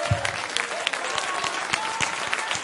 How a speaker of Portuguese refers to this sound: Senta, bate palma e dá glória para Deus, que Deus é bom. Essas palmas aí é para vocês, não? Para Deus tem que ser assim, ó.